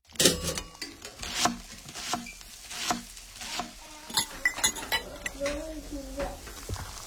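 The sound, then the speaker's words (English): Kitchen dishes and cutlery clink and clatter in an irregular run of sharp, bright knocks. Utensils scrape and tap against plates and pots, with a few brief ringing tones near the end. “Can you tell if the surfaces in this kitchen are crawling with bacteria that could cause chronic arthritis?”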